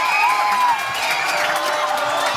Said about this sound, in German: Nein! Man hört's am Jubel, 1-0 Spanien, Nico Williams!